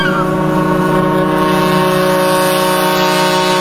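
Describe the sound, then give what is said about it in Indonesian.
A ship's engine drones steadily and loudly as the ship is about to dock at a village pier, a deep, constant hum with layered tonal overtones that holds unchanged throughout, with no voices present. “Kanda, sebentar lagi kapal kita akan bersandar di dermaga kampung halamannya.”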